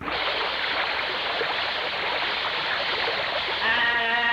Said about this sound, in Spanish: Y este vidrio sí que está sucio, bella. Ni se mira para el otro lado, gañote. Vaya, échale agua.